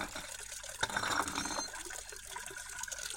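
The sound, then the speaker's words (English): Water pours steadily into a container, a continuous hissing, splashing flow with a brief sharper splash near the start, moderately loud with no voices. “The water flows in.”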